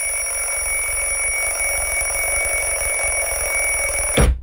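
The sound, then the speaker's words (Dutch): A loud alarm clock rings continuously with a steady, piercing electronic tone and rapid pulsing rattle, ending abruptly after about four seconds with a brief click. “Ik ben altijd zo klaar mee met die fucking wekker.”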